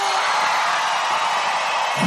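A loud, harsh shout held steadily for about two seconds, raw and noisy in tone, with no other voices or sounds around it.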